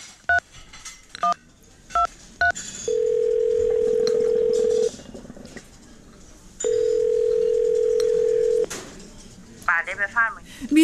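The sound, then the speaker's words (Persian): A quick series of touch-tone beeps as a number is dialed on a phone at a coffee house that also serves food, followed by two long, steady ringing tones on the line, with a brief burst of chirpy bird-like noise near the end. “آره میتونی، بیا از این تلفن شماره تو بگیر.”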